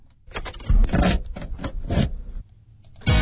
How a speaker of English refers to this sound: this is a car sound, and again, a bit nostalgic, taking you back to the times where you used an actual key to open the car door.